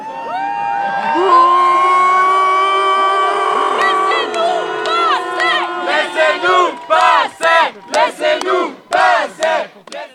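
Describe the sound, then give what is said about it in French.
A crowd of voices shouts and jeers loudly at police who stopped a rainbow flag being put on the town hall front, a sustained roar giving way to choppy bursts of overlapping angry yelling. “drapeau arc-en-ciel sur le fronton de la mairie, ce que la police a stoppé en s'attirant au passage les critiques de la foule.”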